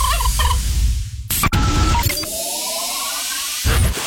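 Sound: turkey gobbling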